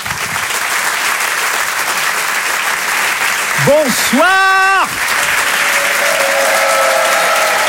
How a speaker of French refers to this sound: Je vous demande de l'applaudir très très fort, s'il vous plaît. Voici ….